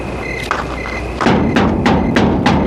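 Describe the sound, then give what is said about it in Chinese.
Knocking on a door: a couple of soft taps, then a steady run of about five louder, hollow thuds at an even, insistent pace, with no voices. “敲什么敲？”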